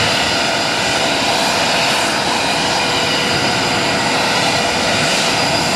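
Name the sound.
jet aircraft engine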